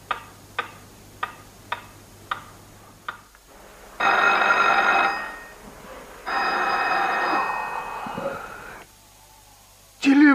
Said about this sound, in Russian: Телефон!